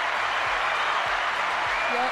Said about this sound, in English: Round of applause for Ireland, please. Round of applause.